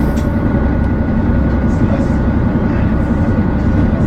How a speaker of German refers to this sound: Ja, wunderbar. Die zweite Anlage läuft auch. Sehr schön. Ja, dann können wir loslegen. Die Motoren schnurren und wir starten die Reise